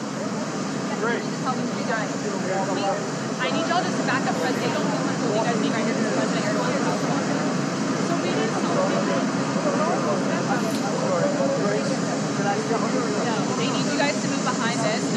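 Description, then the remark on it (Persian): A loud, steady roar of the jet engines of Air Force One, parked at the airport in Ankara for the NATO summit while Donald Trump is awaited, constant throughout, with indistinct voices talking underneath the engine noise. “همچنان تصاویر زنده میبینیم از آنکارا. هواپیمای ایر فورس وان، منتظر هستیم که دونالد ترامپ از هواپیما خارج بشه.”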